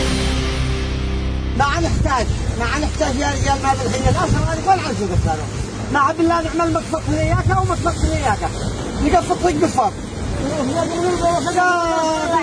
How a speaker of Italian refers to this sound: Sentite lo sciabordare delle onde, sentite anche una voce piuttosto concitata.